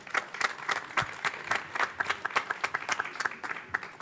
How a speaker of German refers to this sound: Applaus für die beiden.